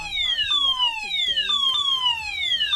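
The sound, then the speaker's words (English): A shrill electronic fire alarm wails inside the RTL Today Radio studio in Luxembourg, in quick repeating downward sweeps, about two per second, loud and insistent, with lower voice-like sounds murmuring beneath it. “Right then, that screaming noise is in our studio, so I guess there's a fire check or something like that.”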